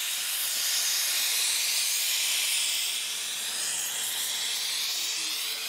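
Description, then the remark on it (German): A steady, loud hiss of a gas torch flame roars continuously without pause, unchanging for several seconds, with no voices, as building plumbers anneal copper sheet so it can be shaped for round arches. “Für die müssen die Bauklempner das Kupfer erst aufglühen, um sie formen zu können.”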